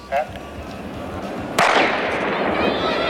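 A single loud, sharp gunshot fired into the air cracks out near the middle, followed by a lingering hissing rumble that fades slowly; a softer thump comes earlier over a murky background.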